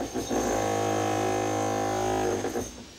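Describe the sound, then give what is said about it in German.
An angle grinder, used with hammering in work on a defective glass pane of an orangutan enclosure, runs in one steady, loud, droning whine for a little over two seconds before cutting off. No voices are heard. “Den jüngsten der Orang-Utan-Bande hauen die Hämmer- und Flexarbeiten draußen an der defekten Gehegeglasscheibe nicht um.”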